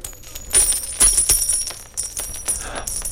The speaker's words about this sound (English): Money. Gold coins drop from his ear.